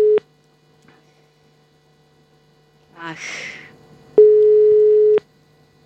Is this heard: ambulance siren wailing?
no